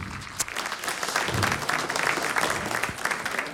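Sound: audience applause in church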